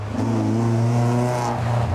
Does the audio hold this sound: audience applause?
no